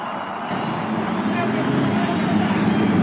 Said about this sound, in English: After the cheers of over 300,000 fans, the engines are started along the main stretch. The pit crew signaling that everything is okay all up and down the 11 rows of bridge.